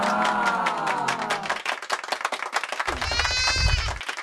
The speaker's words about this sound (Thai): ว่าแต่เจ้าแพะนมในฟาร์มลุงเป้งมันเป็นสายพันธุ์อะไรกันล่ะครับ เป็นพันธุ์ซาแนนกับท็อกเก็นเบิร์ดซึ่งมันเป็นพันธุ์ที่หายาก